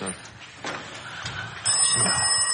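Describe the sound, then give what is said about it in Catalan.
A telephone bursts into a bright, steady electric ring partway through, its high metallic tone continuing to the end, after a stretch of murmured voices and faint background noise. “Hòstia, ara trucaran cada dia?”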